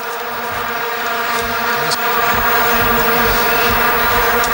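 A mosquito buzzes loudly, a steady high, whining drone that holds throughout and swells slightly partway through, with no talking.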